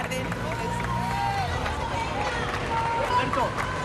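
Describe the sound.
Outdoor crowd ambience at the entrance of the Congreso de los Diputados in Spain as Pope Leo XIV arrives: a steady, loud wash of overlapping voices and murmur, with occasional raised shouts and calls rising above the babble throughout.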